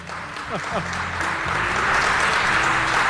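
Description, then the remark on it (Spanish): A crowd in Tomelloso claps steadily for a professor, the dense patter of many hands, with a few voices calling out and chattering beneath the applause. “El profesor se merece un aplauso.”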